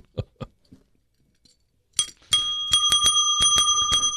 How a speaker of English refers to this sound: If I say something good, that's all we'll do is ring the bell all the time.